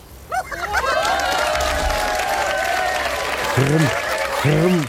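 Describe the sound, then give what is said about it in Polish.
A burst of applause fills the space, dense clapping from a crowd with some cheering and whoops rising above it, loud and sustained throughout. “Brawa!”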